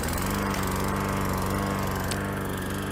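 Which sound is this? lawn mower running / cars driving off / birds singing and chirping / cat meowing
lawn mower running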